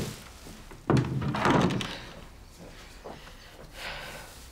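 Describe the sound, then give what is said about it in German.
A door is pushed shut with a dull, heavy thunk, followed by a brief low rumble and faint rustling as the room settles into quiet. “Und mach die Tür zu.”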